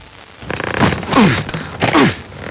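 A suitcase zipper is yanked hard in a couple of strained, rasping strokes, fairly loud, with scraping and creaking as it is forced shut over a packed suitcase that will not close.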